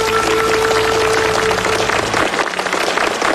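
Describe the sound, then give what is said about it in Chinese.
An audience applauds steadily to thank an archaeology institute director for his talk on the Zhouyuan excavations. It is a dense, crackling wash of many hands clapping at once, staying loud and even throughout, with no voices heard over it. “感谢崇院长和他的同事们在考古当中为我们带来的这些全新的发现，也再次掌声感谢崇院长今天带来的分享，谢谢您。”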